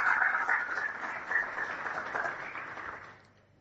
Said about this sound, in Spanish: Así que yo pido un aplauso para estos dos que colaboraron muchísimo con nosotros. Gracias.